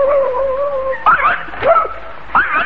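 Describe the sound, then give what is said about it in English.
A dog, the watchdog Psyche, whimpers in a long, thin, high whine, then breaks into a few short, sharp yips in quick bursts, fairly loud, with no one talking. “Well, fine watchdog you are, Psyche.”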